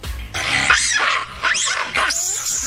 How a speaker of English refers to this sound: Yeah, so India Stadium has a monkey problem. Listen to what they sound like. They're kind of cute.